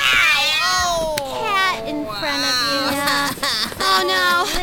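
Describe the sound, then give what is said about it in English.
An old black cat yowls loudly and continuously, its drawn-out wavering cries rising and falling in pitch for several seconds, prominent. “It was just an old cat.”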